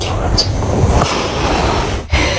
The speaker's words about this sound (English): Oh, it goes on. Yep. That's the gasping. Stop snoring. Snoring so loud.